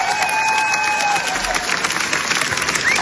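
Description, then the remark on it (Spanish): A large audience applauds steadily for the full length, a dense wash of many hands clapping at even loudness, with a few faint whistles rising above the crowd, at the Cannes premiere of La Bola Negra, the film by Los Javis, which drew 17 minutes of applause. “17 minutos de aplausos.”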